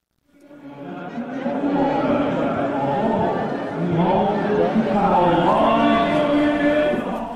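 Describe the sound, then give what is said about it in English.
A large crowd of many voices at a funeral procession in Tehran, Iran, for the late Supreme Leader Ayatollah Ali Khamenei, dense and continuous, with overlapping calls and sustained voiced tones rising over a steady loud murmur throughout. “Let's have a listen in to what is happening in Tehran at the moment.”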